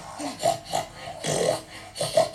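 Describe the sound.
Voices imitate a herd of pigs with a rapid, uneven string of snorting grunts and squeals, several short nasal bursts overlapping one another, fairly loud and with no normal speech.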